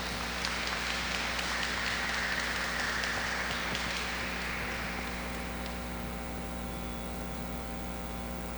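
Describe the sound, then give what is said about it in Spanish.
An audience at a Mass applauds to congratulate a woman on her 50th birthday, a dense, steady patter of many hands clapping that gradually thins and fades away, with a low electrical hum running underneath throughout. “y la felicitamos con un fuerte aplauso.”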